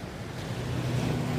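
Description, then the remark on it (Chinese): A steady, hollow rushing like ocean surf, the resonant hiss of a handmade ear conch seashell held to the ear to hear the sea, swelling slightly louder over a brief moment with no voices. “这个是耳朵螺，可以听一下大海的声音。”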